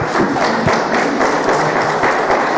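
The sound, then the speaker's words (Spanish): An audience applauds the Lord steadily, a dense wash of many hands clapping at once with occasional heavier thumps, loud and continuous with no talking over it. “Ven, aplauso por favor al Señor.”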